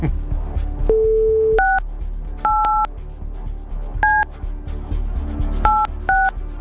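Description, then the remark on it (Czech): A short run of touch-tone dialing of a telephone number for a call on Radio Blaník: a low steady tone first, then several crisp two-note beeps in quick irregular pairs, clearly audible over a faint background hum. “já už vidím telefonní číslo, na které mám dneska volat”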